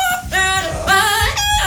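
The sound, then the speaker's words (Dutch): Two parrots in a viral TikTok video sing a pop tune in loud, melodic phrases that mimic a human singing voice, with a little vibrato, rising and falling in three sustained bursts with almost no pause between them. “Van twee papegaaien die het nummer echt loopzuiver zingen.”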